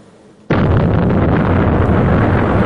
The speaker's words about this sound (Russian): Надвечір Жваве перехрестя, на яке падає і детонує російський шахет.